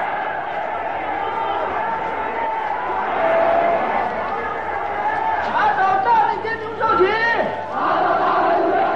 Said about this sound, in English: Thousands of them are arrested, beaten, tortured, and humiliated in stadiums that shake with the roars of the vengeful crowd.